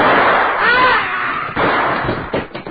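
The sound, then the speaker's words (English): A man tumbles down stairs: a loud rush of noise with a brief wavering cry, then a run of heavy, irregular thuds and bumps that quicken toward the end. “As he came toppling down the stairs, I pressed back against the wall and then ran for the door to the harem.”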